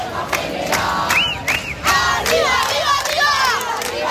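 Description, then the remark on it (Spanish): A large crowd of striking teachers shouts continuously at the Puerta del Sol in Madrid, with rising, wailing calls and whistles cutting through a dense, steady roar of voices; sharp bursts punctuate the loud din throughout. “Este es el sonido que se está viviendo desde primera hora en la Puerta del Sol”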